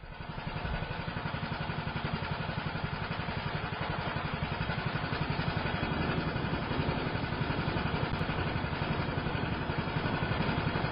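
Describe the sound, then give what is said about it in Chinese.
A small boat motor chugs steadily with a rapid, even pulsing rhythm, heard from afar as the small boat comes down a river from upstream, running continuously and growing slightly louder over time, with no voices present. “却听得远处马达声作响，一艘小船从上游而来了。”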